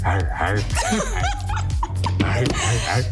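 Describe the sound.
Several short, yappy dog barks and whines in quick succession, loud, layered over a busy background with voices.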